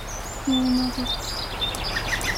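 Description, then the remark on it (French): Several birds chirp outdoors: a low hooting note first, then thin high chirps and a quick run of three bright tweets near the end, over soft steady background noise with no talking. “Il n'y a pas d'oiseaux. Si, écoute bien.”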